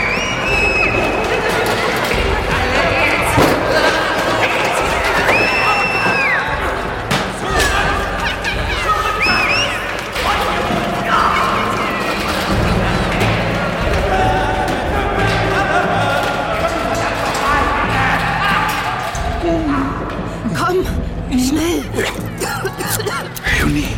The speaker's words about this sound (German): Dann drang Lärm in mein Bewusstsein. In den Gängen rannten Menschen herum. Türen wurden aufgerissen und zugeschlagen. Man schrie. Draußen schien ein Tumult ausgebrochen zu sein.